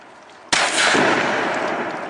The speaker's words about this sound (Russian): Бабахни воздух разок.